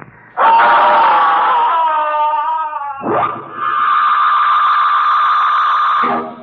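A boy lets out two long, piercing screams, loud and close, the second held steady and shrill for about three seconds, with no talking around them.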